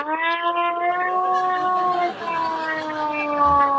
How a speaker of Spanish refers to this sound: Tengo la sirena esta que realmente no tiene nada electrónico, pero fijaros cómo de pronto dices, cuidado.